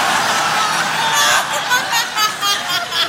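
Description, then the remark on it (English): A crowd lets out a drawn-out chorus of disappointed moans and groans, a dense, sustained wash of many voices lasting a few seconds with no distinct words. “Do you hear the disappointed moans from the crowd?”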